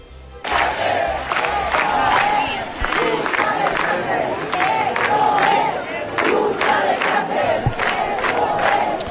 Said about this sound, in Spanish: Os pongo sonido de anoche ante la subdelegación del Gobierno de España en Gran Vía. La Gran Vía se desbordó y este es el clamor de la ciudad.